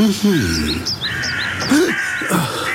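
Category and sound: bird, crows cawing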